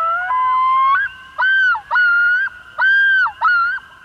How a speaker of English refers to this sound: Loons! In 1983, amid a boom in lakeshore development, biologists found only a dozen pairs of loons in the whole state.